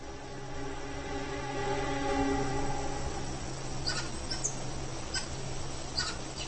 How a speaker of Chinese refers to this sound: 不过，危险不仅来自地面。黑雾就是食腐动物，但它们有时候也会捕食年幼的猴子。猴群又发出了警报。